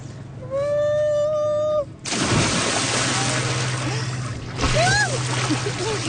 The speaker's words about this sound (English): don't splash me. Oh, it's so dirty.